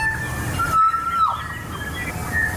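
A kokako, a rare bird from New Zealand, calls with long, clear, fluting whistles, one held note gliding down in pitch and a brief higher note later, over a steady low rushing background.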